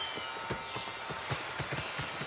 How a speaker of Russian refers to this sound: В обоих случаях это была машинка для стрижки.